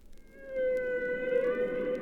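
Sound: humpback whale song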